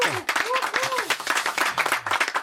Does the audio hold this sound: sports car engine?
no